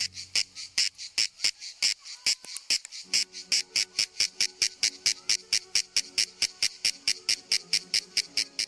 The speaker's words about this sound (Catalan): Durant les hores centrals del dia, els mascles emeten una renou molt estrident produïda per la vibració d'una estructura membranosa que tenen davall del cos i que actua com a caixa de ressonància.